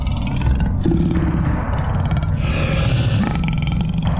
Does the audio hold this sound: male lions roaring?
yes